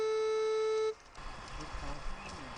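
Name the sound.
metal detector alarm beeping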